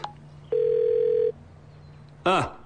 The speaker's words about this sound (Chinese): 不行，我得赶紧给书记打个电话。